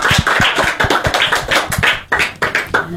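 An audience applauds a speaker who has just told the life history of Jawaharlal Nehru on a community radio programme: a dense patter of many hands clapping at once, steady and fairly loud throughout with a brief dip near the end, no voices over it.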